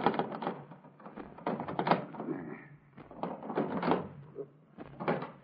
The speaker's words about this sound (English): Well, they must still be in there, then. I'm going to shake the doors.